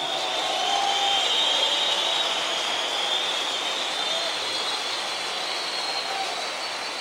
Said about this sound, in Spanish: Un fuerte aplauso al Señor.